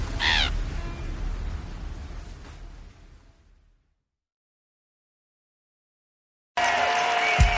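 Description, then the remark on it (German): A harsh, squawking seagull cry rings out at the start over a rough, windy rush of noise, which fades into silence before a loud burst of noise with a steady tone cuts back in. “Na dann, kleine Möwe, zeig mir mal dein Helgoland.”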